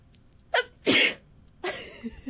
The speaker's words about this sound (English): I have to sneeze. One second. Go ahead. Into the mic, please.